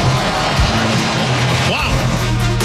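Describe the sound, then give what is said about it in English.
A big crowd at Wrigley Field roars and cheers after the Cubs win the ball game with a walk-off against Cincinnati, a loud, steady wall of noise that never lets up, with a brief whistle-like tone rising out of the din. “Listen to this crowd.”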